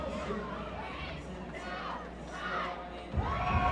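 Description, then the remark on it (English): A baseball stadium crowd cheers in rising and falling swells as fans try to start a wave toward the first base side, a dense wash of overlapping voices that surges louder near the end. “Crowd right in front of us starting a wave, or at least trying to.”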